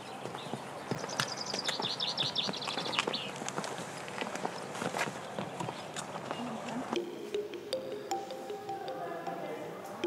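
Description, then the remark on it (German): Donkey hooves clip-clop along a steep footpath to the Psychro Cave on the Lasithi Plateau, 800 metres above sea level, in a steady, uneven stream of sharp steps, with chirping birds briefly audible early on and faint voices in the background. “Für den steilen und etwas mühevollen Fußweg dahin kann man sich auch einen Esel mieten.”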